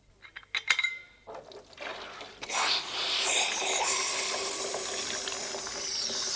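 A few sharp metallic clinks and knocks from a hot metal samovar set on a bed, then a steady, loud rushing hiss as water is poured over it to cool it, sizzling until the end.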